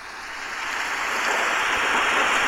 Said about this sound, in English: That's a rain and thunder effect, first of all. I want you all to hear that's a rain and thunder effect, because obviously if you're 16 and a rain and thunder effect is an option, fucking click, mate.